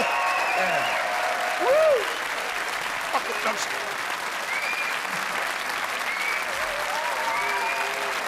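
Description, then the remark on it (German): A large audience claps steadily and loudly throughout, a dense, continuous wash of applause with occasional cheers and whoops rising above it. “Applaus, Applaus, ja!”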